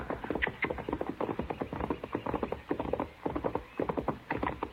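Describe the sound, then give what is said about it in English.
Hooves of an unsaddled buckskin horse clip-clop in a steady, continuous rhythm of sharp hollow knocks, moderately loud, with no voices over them. “Hey, by heaven, it's a horse.”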